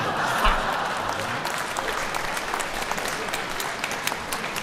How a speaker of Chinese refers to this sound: 你看我们相声演员往台上一站、我们一唱，观众就鼓掌 欢迎啊。 其实我们心里都明白 啊， 您是对我们的鼓励。